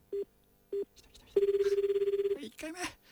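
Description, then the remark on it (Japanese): A telephone ringback tone on an outgoing call made live on the radio show Yugata Radio to a listener's phone number: two short low beeps, then one long warbling ring of about a second, heard clearly and steadily before a voice starts speaking. “はい、皆さん電話番号書いた方電話の前で待っててくださいね。今かけてますよ。”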